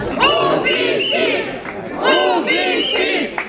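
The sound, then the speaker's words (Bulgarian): A crowd of protesters chants in unison under the windows of a courthouse while the court is in session, loud voices rising and falling through two repeated rhythmic phrases with a brief pause between them. “Докато съдът заседаваше, протестиращите скандираха под прозорците.”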